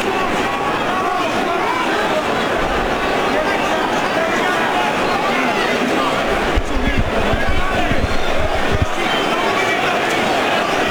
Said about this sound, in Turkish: Taraftar yüreklendirmek istiyor Joshua'yı.